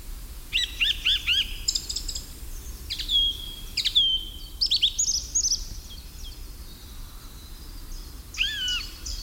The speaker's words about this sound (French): les oiseaux chantent surtout au petit matin